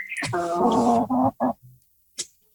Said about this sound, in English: That's a Canadian chicken. That's more like it.